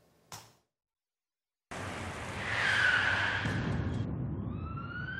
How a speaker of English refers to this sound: The impact was deafening. A truck, failing to yield the right-of-way, broadsided the van